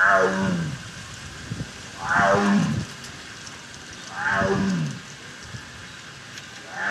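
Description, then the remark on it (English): A Sumatran tiger at the Akron Zoo roars three times in slow succession, each deep, rumbling call about two seconds apart, loud, with a faint hiss of background noise between them. “a Sumatran tiger at the Akron Zoo.”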